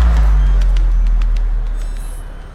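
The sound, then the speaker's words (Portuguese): A heavy diesel city bus engine in Belo Horizonte, Brazil rumbles low and steady, its deep drone slowly fading as the vehicle moves off, with faint hissing and rattling over the top. “O ronco pesado dos motores a diesel dos ônibus cruzando avenidas e subindo nossas ladeiras é parte da trilha sonora de Belo Horizonte.”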